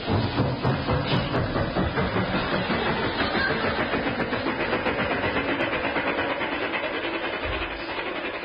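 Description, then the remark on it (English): Taxi engine and train sound effects: a taxi engine rumbles steadily alongside chugging train sounds, a loud, continuous mechanical drone with a fast rhythmic pulse, easing slightly toward the end, with no voices. “Astute listeners will no doubt be puzzled at a horse sounding like a taxi and a train.”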